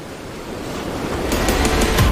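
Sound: sea waves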